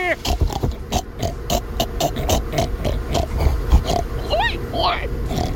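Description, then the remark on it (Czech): Several people in a pig-imitation contest imitate pigs with rapid, overlapping grunts and oinks in a steady rhythmic burst, joined near the end by a couple of high squeals, all loud. “Ale hustý, že to není, hlavně hustý, že to není jako poznat, kdo je který prase.”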